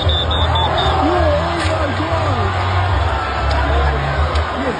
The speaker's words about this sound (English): The sound of police officers with tactical gear shown on social media videos trying to break up the crowd.